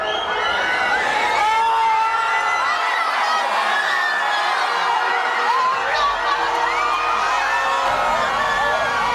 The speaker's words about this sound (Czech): Když přišel první a jediný gól a pak konec zápasu, propukli davy v madridských ulicích v totální euforii.